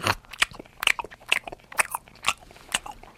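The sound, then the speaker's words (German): A person imitates a koala chewing eucalyptus leaves with their mouth, making about eight crisp, crunchy smacking bursts in a steady, unhurried rhythm, fairly quiet, with no talking. “Der isst Eukalyptusblätter.”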